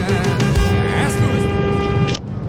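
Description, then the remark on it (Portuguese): A car horn sounds one steady, sustained blast lasting about two seconds over a constant rumble of traffic noise, then cuts off abruptly, a driver honking in answer to a radio host's call. “É, vocês estão meio fracos de buzinar hoje.”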